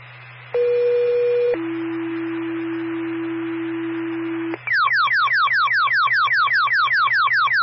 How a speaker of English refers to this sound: Tone for Windsor Fire.